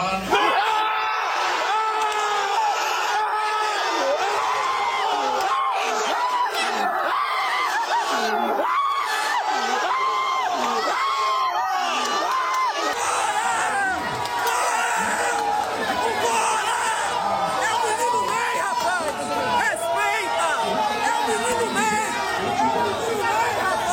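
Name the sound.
football crowd cheering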